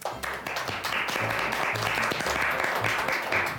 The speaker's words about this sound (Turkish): Evet. Trafik o polisi. O zaman bence alkışlayalım.